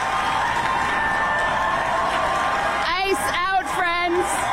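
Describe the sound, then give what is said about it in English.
A crowd cheers in a steady, loud roar, and near the end several voices rise above it in high, wavering shouts and whoops. “ICE out, rip them out, and you heard the cheering.”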